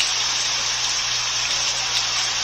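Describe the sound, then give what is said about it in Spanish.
Rain pours down on the front garden of a house in Colonia Valderrama in a steady, dense hiss with no breaks or individual drops standing out, loud throughout, with a faint low hum underneath and no voices. “Nos envía un pequeño video, sí, de la lluvia, sí, desde el jardín frontal de su casa.”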